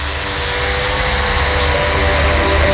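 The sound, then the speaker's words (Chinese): A drone carrying a high-definition camera and AI algorithms, used by the Xinchang Water Resources Bureau for water inspection, takes off, its propellers whirring loudly in a steady buzzing roar with a faint whine that edges upward toward the end, with no voices. “眼前这架搭载高清摄像与人工智能算法的无人机，是新昌水利局的数字治水利器。”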